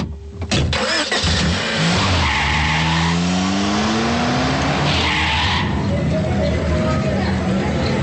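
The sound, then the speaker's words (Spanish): Busy outdoor street ambience in the Zócalo (main square) of Puebla, Mexico, with passing vehicles and engines rumbling, a broad wash of traffic noise, and indistinct voices of people talking in the background. “¿Qué tal si ahora nos movemos de la estación de radio al Zócalo de Puebla?”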